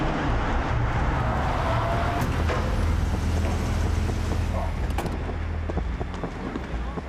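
A car engine rumbles steadily, a loud, continuous low drone with road noise that holds throughout and eases slightly toward the end.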